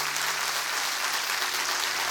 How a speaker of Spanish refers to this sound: Dale un fuerte aplauso a la gente que se conecta.